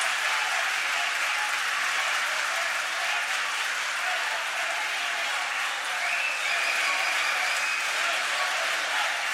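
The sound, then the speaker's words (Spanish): Sustained applause from attendees in a parliament chamber for Keiko Sofía Fujimori Iguchi, a dense, steady wash of clapping that stays loud and even for the whole stretch, with faint crowd murmur underneath. “Recibe el aplauso de los asistentes.”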